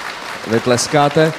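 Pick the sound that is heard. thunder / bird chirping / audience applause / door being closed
audience applause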